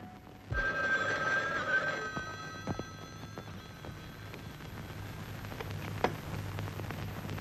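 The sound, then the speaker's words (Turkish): A telephone rings in one short burst of bright, warbling bell tones, then stops, leaving a low steady hum with a few faint clicks and knocks. “Şimdi eve telefon edeceksin.”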